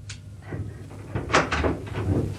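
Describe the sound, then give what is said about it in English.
A door opens with a latch click as someone enters, followed by a couple of soft bumps and rattles, set against a low steady hum and no one speaking. “please close the door.”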